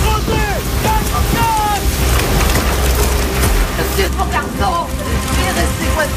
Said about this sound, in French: J'ai vu des tempêtes dans ma vie, mais comme ça jamais.